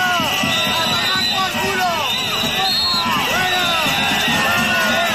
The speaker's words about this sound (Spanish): El presidente intentó acercarse ante gritos de fuera, fuera, y este fue el momento.